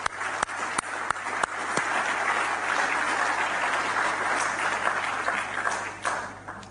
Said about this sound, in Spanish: Un aplauso para ellas.